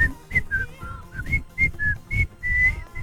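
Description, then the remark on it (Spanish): Someone whistles a short, bouncy jingle-like tune from an old TV commercial, the clear notes hopping up and down in quick phrases over soft breathy thumps and background noise. “Pará, y si yo les hago, no voy a poder silbar por esto, pero había una cosa que era.”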